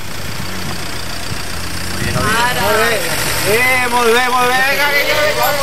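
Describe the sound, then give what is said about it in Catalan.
A car engine idles with a steady, low rumble throughout, and after a couple of seconds people start talking over it. “Stop, fora cotxe, mula.”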